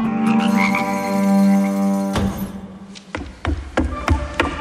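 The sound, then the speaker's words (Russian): Frogs croaking in a swamp: a loud, sustained croak drones in the first half, giving way to several sharp, irregular croaks and clicks from other frogs, with no talking. “Да еще на болоте. Неудивительно, что всех дмитровчан до Октябрьской революции называли лягушатниками.”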